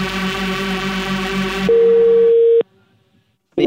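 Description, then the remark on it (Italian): A steady telephone dial tone as a call is placed to a dentist, first buzzy and harmonic-rich, then a clean single-pitch hum lasting about a second before cutting off abruptly into silence, with a brief sound at the very end. “Giovannino chiama un dentista e sentite come si intorta questa personaggia.”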